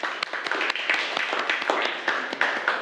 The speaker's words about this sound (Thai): ใช่ค่ะเก่งมากค่ะปรบมือให้กลุ่ม3หน่อยค่ะ